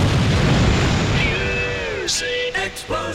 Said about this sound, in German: Explosion.